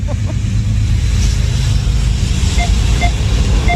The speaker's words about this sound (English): Oh, there's another train going the other way.